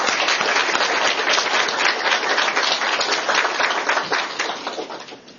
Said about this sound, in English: Well, I really appreciate everybody's attention on this, and I thanks for the expertise of our experts. If you could give them a round of applause, that'd be great.